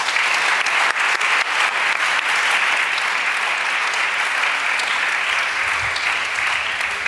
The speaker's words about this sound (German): Von uns allen, Ihnen vieren willkommen und Applaus.